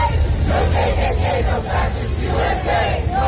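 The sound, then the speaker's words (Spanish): A crowd of about 200 people in the street, protesting the presence of ICE, chants the slogan "Ni KKK, ni fascistas, ni ICE" in unison, loud and rhythmic, with repeated shouted phrases rising and falling in a steady cadence over a constant low rumble of voices. “Ni KKK, ni fascistas, ni ICE se escucha gritar mientras en las pancartas se exige dejen de ejecutar a miembros de la comunidad.”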